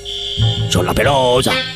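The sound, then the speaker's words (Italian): A steady, piercing high-pitched alarm signal, played over the phone for a listener to check she can hear it, sounds without a break for the whole moment, while a voice speaks briefly over it partway through. “Mandiamo il segnale d'allarme, per favore, per la signora.”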